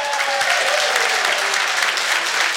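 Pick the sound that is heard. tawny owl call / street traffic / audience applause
audience applause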